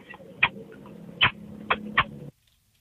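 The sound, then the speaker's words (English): Four sharp, squeaky lip-kiss smacks at uneven intervals over a low steady hum, with no talking, ending abruptly in silence. “But here's my kiss sound, I guess.”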